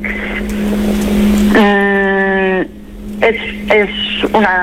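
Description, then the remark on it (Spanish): A small utility car engine hums steadily at idle, then revs in a long whine followed by several short, sharp bursts of throttle, fairly loud. “Hombre, pequeño para, vale, ser un coche utilitario.”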